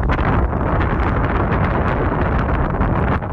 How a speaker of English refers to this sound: Yeah, unfortunately, it was quite windy up there, so I couldn't really hear them.